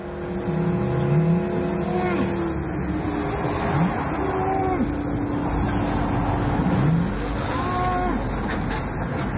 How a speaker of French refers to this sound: La concurrence est rude en termes de fréquence sonore. Ici, pas de pluie, pas de colline, pas de montagne pour dissimuler le son de l'autoroute. Les oiseaux luttent pour se faire entendre, mais ils sont là.